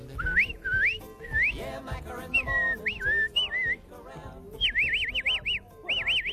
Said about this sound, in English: I've never been able to whistle like everybody else. I've whistled dogs, I've trained horses and dogs and cattle and all those sorts of things. Whistle up the cattle for me.